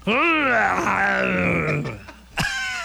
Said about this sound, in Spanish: Vamos a luchar contra …. A ver quién mete más miedo, …. Su grito de guerra o el mío. Voy yo, ¿listo?